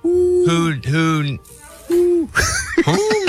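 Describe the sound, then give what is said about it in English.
A person imitates an owl with a few drawn-out, wavering vocal hoots, fairly loud, followed by some breathier, choppier vocal sounds. “Gotta be a who subject, hoot. Right? Yeah, it's gotta be. Hoot, hoot.”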